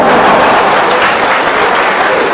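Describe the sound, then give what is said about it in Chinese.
An audience claps steadily for a couple of seconds, a loud, dense wash of overlapping handclaps with no voices over it. “您不鼓掌，他不唱 啊。”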